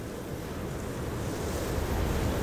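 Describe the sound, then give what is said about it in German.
Ocean surf rolls and breaks onto the shore in a steady, full wash of noise, with a low rumble underneath and some wind buffeting, no voices present. “In unserem Film spielen der Atem des Meeres und all die Geräusche, die ihn begleiten, eine wichtige Rolle.”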